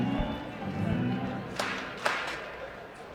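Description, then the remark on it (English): A steady murmur of many overlapping conversations fills a ballpark crowd during a baseball game, with a few sharp claps and thumps popping out of the continuous chatter. “You can hear the entire volume of conversations going on throughout the ballpark.”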